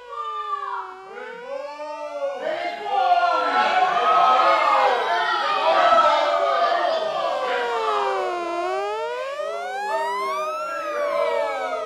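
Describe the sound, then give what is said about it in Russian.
Several sirens wail together in New York, about 300 steps from a station, their pitches sweeping up and down in long overlapping glides, loud and continuous for the whole stretch, with a dense, chaotic wash of sound building in the middle. “Я вышел из повозки, но не отошел я от станции на 300 шагов, как сирена.”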